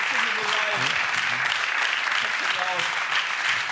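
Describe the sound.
A studio audience applauds a 2000 euro game show win in a steady, dense wash of clapping that holds at full strength for the whole stretch, with voices speaking and calling out over it.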